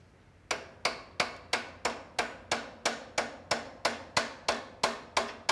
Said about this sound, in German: Gib mir mal einen kleinen Hammer. Viele kleine Schläge. Lösen Rost. Mache ich jetzt hier den Glöckner.